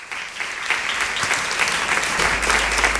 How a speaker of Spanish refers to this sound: Les pido un aplauso